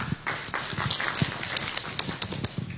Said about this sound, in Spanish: Fuertes los aplausos.